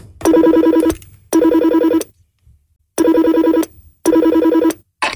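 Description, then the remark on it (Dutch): An old-fashioned telephone rings loudly in repeated bursts as a call is placed, each trill about a second long with short silent gaps between, four rings in all with no voices. “Je mag de telefoon, het is een oude telefoon. Je tikt het nummer van destijds in.”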